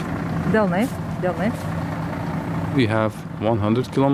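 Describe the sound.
A bus engine drones steadily, a constant low rumble running throughout, while voices speak over it in short bursts; the bus carries village schoolchildren acting as extras in an evacuation exercise to the town of Svenčionis.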